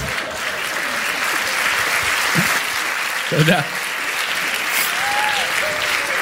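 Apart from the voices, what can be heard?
audience applause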